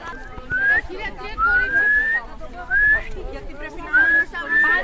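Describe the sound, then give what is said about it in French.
A boy whistles a series of short rising notes to guide a blindfolded player in a children's game of blind man's buff (Colin-maillard), about five bursts in a loose, repeating pattern, clear over a busy background of voices and room noise. “En fait, je le guide avec le sifflement.”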